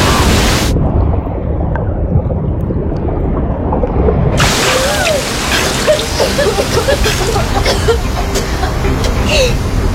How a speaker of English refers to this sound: Deeper water. The waves are sucking us down with them. Here comes another wave. Hold your breath.